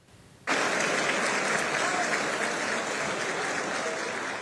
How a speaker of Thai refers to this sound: เสียงปรบมือดังขึ้นนะคะในจังหวะที่ท็อดแลนช์รักษาการรัฐมนตรียุติธรรมสหรัฐแถลงเรื่องของการยื่นฟ้องราอูกาสโตอดีตประธานาธิบดีคิวบาพร้อมพวกอีกหลายคนฐานสมรู้ร่วมคิดในการฆาตกรรมพลเมืองอเมริกัน